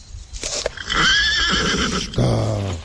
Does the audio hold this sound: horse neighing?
yes